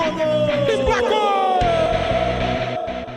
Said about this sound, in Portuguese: E o grito de gol que emociona gerações de torcedores.